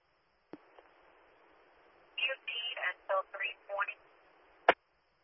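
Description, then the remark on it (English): Steady band-limited radio hiss fills a dispatch radio transmission, framed by a sharp click at the start and end, with a short burst of garbled, distorted voice breaking through midway. “I got a lot of static, brother.”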